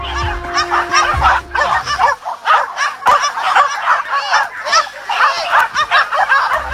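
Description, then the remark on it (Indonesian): Dozens of impatient hunting dogs bark nonstop before a wild boar hunt in West Java, Indonesia, many yelps and barks overlapping into a loud, dense chorus that continues without a pause, with a low rumble underneath at the start. “Puluhan anjing pemburu pun terlihat mulai tidak sabar dan terus menggonggong tiada henti.”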